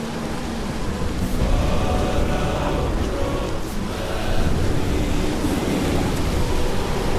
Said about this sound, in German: Ah, aber hör mal genau hin. Da ist etwas im Wind wie Lieder. Was redest du da? Was für Lieder? Das ist nur der Sturm.